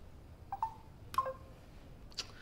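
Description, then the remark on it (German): Soft, short electronic beeps of a telephone call-waiting tone sound a few times at irregular spacing, mixed with faint clicks over a quiet low hum, with no voices. “Warte mal, da klopft jemand an.”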